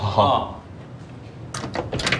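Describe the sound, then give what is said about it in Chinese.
A door creaks shut, followed by a quick series of sharp clicks as the latch and lock engage. A brief voice sounds at the start. “对，关门。关门。 完了，锁上呗。”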